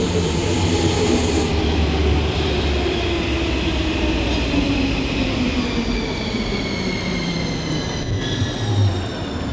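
A metro train rumbles in loudly and keeps riding, a steady low roar with rising and falling motor whine and faint high wheel squeals over the rails.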